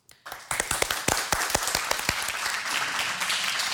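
An audience breaks into applause to welcome a musician before he plays, many hands clapping in a dense, steady patter with a few sharp individual claps standing out early on, sustained at a moderate level with no talking.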